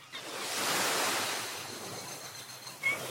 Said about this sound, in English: It reminds us that although home can be thousands of kilometers away, sometimes all it takes is the sound of waves to realize you found another one.